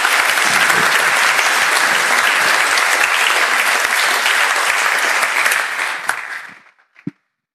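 A crowd at a youth gathering in Kremsmünster applauds a speaker after his talk on courage, loudly and steadily for about six seconds, the dense clapping then thinning out and fading, with a couple of last isolated claps at the end.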